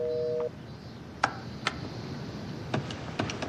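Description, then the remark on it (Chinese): A brief steady tone cuts off, then a handful of sharp clicks land at uneven intervals, like buttons pressed one by one as a phone number is dialed in an attempt to place a long-distance call that keeps failing to get through. No one speaks. “这个电话有长途功能吧？怎么一直拨不通啊？”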